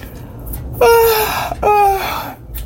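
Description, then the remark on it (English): Two drawn-out, breathy yawning sounds from a voice, each sliding downward in pitch, one after the other with a short breath between them. Likely a voice imitating a yawn, the tired character Donami yawning in a told story. “She asked him with another yawn.”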